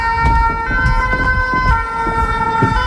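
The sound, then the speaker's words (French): A fire brigade siren holds a steady, piercing tone over city-centre street noise by the Somme, with low rumbles and thuds from traffic underneath. Fairly loud, with no voices. “on entend voilà, les sirènes des pompiers, et c'est la Somme.”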